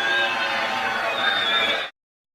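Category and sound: crowd, crowd booing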